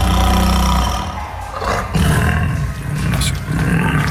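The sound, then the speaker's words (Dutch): A Bengal tiger roars loudly, played during a broadcast: a deep rumbling bellow that dips briefly, then surges back in throaty, growling bursts for several seconds. “Dus mocht er een Bengaalse tijger luisteren...”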